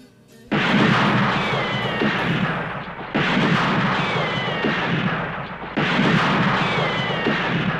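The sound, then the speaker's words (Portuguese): Three loud bursts of gunfire arrive a few seconds apart, each a sustained barrage with whining ricochets that trails off before the next volley begins. No one speaks. “Cuidado com os tiros, hein?”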